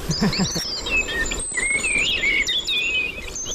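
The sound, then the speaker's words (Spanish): A common blackbird, identified by the Merlin bird app on a phone, sings fluting, warbling phrases over a steady outdoor background, with a thin high insect-like hiss and faint rustling throughout; no one speaks. “Mirlo común.”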